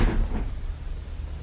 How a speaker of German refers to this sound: Ich ging wieder auf den Gang hinaus und zog die Tür hinter mir zu.